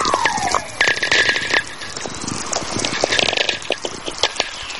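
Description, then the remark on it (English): Natural VLF radio whistlers: a descending whistling tone glides down at the start, set against a dense, steady barrage of crackling, popping static clicks and a faint sustained hum, with no talking. “These whistlers are really coming in big streams now.”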